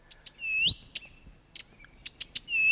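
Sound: blyth's reed warbler song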